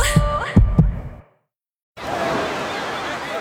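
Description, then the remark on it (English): Three deep, muffled heartbeat thumps pulse loud over a faint tone, then a brief silence gives way to a steady rushing hiss. “Beating in rhythm to the world you've created.”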